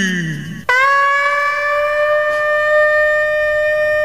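A berrante cattle horn sounds one long, loud, steady blast, a bright buzzing tone rich in overtones that swoops up briefly at the start, after a moment of low rumble.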